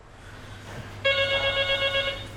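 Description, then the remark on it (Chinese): A telephone rings with a bright, trilling electronic tone, one sustained warbling burst that starts abruptly partway through, fairly loud over a low background hum, with no talking. “想吃到他的拿手菜，得提前一天打电话预定。”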